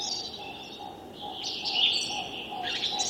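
A whooper swan calls faintly, its honking notes blending into a steady chorus of chirping songbirds outdoors in a streamside forest, with no one speaking.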